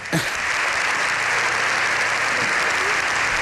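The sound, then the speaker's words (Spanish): Sustained applause from the whole chamber at a joint session of Congress and Senate, with the public galleries full: a dense, steady wash of clapping at an even loudness for the whole stretch, with no voices standing out. “Esto también es insólito, alguien que concite los aplausos de toda la cámara.”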